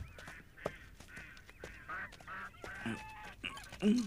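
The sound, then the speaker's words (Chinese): A flock of ducks quacks in a steady, overlapping chatter of nasal calls, with a few louder honks standing out near the end and no voices. “我还以为偷鸭子的呢。”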